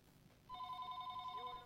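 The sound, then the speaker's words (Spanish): A phone call rings in with a steady electronic ringing tone that starts suddenly about halfway through and holds, fairly loud, with no one speaking. “Que aguantar ahí en línea cuando nos llaman a través del WhatsApp.”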